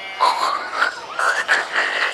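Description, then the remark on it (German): A voice imitates a pig grunting: a run of about five raspy, nasal grunts, each rising slightly in pitch, fairly loud and steady, with no talking. “Klingt jetzt aber eher nach Schwein.”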